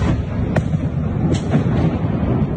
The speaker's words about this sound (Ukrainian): Пізно ввечері 12 жовтня у Києві пролунала низка вибухів ще до оголошення повітряної тривоги.